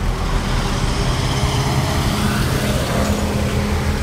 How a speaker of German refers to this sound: An einer vielbefahrenen Straße mit Autos, Bussen und Lastwagen ist es für Fahrradfahrer oder Fußgänger besonders wichtig, dass sie gut gesehen werden.